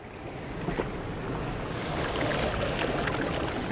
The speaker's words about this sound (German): Es ist ein besonderes Fleckchen Erde. Die Wellen der türkisblauen Karibik schlagen auf dem palmengesäumten Sandstrand von Santa Marta auf.